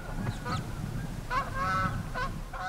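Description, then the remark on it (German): A flock of brent geese on the island of Amrum in spring honks in a string of short, nasal calls, several overlapping, over a steady low rumble of wind or surf in the background. “Doch das nächste Problem ist schon da. Ringelgänse.”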